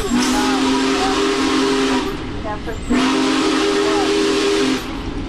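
Two long, loud blasts of the whistle of the Big Boy steam locomotive, each lasting about two seconds with a short gap between, over a steady rush of hissing steam.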